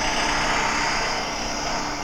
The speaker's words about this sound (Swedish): Så att det har verkligen varit alltså, granne med bygghiss och allt ljud som den har gett ifrån sig. Här är ändå från vårt fönster.